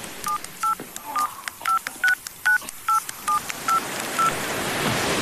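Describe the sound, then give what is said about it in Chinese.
About a dozen quick electronic keypad tones beep in a steady, slightly uneven run as buttons are pressed on a mobile phone picked up from a table, setting off the detonator of an explosive device, clear over a soft hiss that swells toward the end. “拿起旁边桌子上放着的一只手机玩弄了几下，断然按下了几个按钮。”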